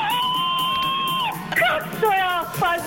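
Joyful cheering and whooping over prize wins: a long, steady high-pitched shout, then a burst of excited yells and whoops rising and falling in pitch, loud throughout.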